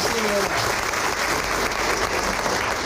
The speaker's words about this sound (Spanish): Felicidades Club Bolívar, felicidades campeonas, cuerpo técnico, padres de familia, el orgullo de este Consejo Central, de esta asociación, está con ustedes, felicidades y gracias por este torneo nacional. Un aplauso para todas ustedes.